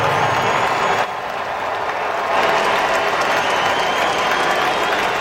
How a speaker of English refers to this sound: A standing ovation for Bo Bichette, now a member of the New York Mets.